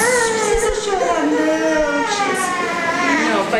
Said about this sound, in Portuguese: O choro, mas aí faz bem para eles, é bom para a saúde, né? A gente fica feliz por isso.